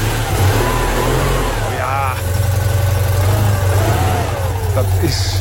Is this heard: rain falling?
no